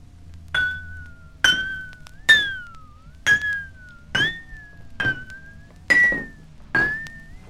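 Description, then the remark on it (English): Eight empty drinking glasses, being arranged by pitch from lowest to highest to form the eight tones of the musical scale, clink eight times at a steady pace, each tap leaving a bright, ringing tone that fades before the next. The pitch shifts slightly from glass to glass, and no one speaks. “Before I can add water, I must arrange the empty glasses according to pitch, from the lowest to the highest, like this.”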